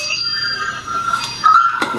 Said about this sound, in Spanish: El pulsador, han tocado el botón. El botón está aquí. Hostia, tío. Mira. Han tocado el timbre.